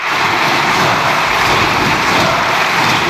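Loud, sustained applause from the Socialist lawmakers' benches in parliament, a dense steady wash of clapping that holds at the same level for the whole stretch, with no voices standing out.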